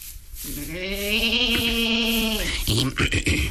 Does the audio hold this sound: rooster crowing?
no